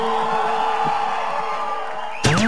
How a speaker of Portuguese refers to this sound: Cadê o gritão dos apaixonados?